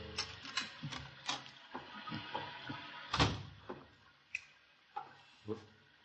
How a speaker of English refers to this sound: The headlight splashed through the windows as the car turned into the drive and a moment later I heard his key in the lock.